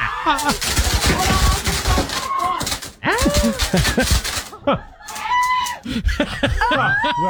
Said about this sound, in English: But this is the moment that the fireworks started going off there with the birthday cake.